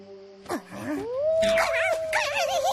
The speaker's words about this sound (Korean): 어? 늑대 소린가? 가까이에서 들리는데? 박사님! 어? 얘들아. 박사님, 아까부터 늑대 울음소리가 들려요.